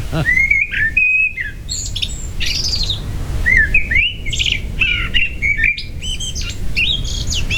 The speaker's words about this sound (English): And now they're saying that they've got the nicest tone. Yeah. Well, you don't have any, you don't have the sound there, but I do have the blackbirds here.